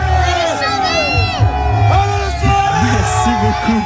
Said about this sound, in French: Donc voilà, vous pouvez l'entendre hein, dans le bus. Il y a vraiment du bruit.